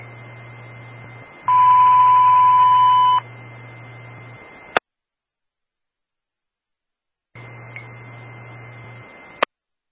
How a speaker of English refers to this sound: This is the morning Zetron test. All companies stand by for the box alarm tone, followed by the radio test on channel 1.